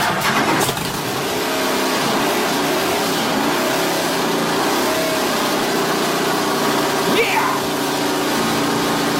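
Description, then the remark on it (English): A car engine runs steadily and loudly throughout, with a dense low rumble and a brief rising rev near the end; no one speaks over it. “Yeah, that's exactly what my Land Rover Defender sounds like in my head.”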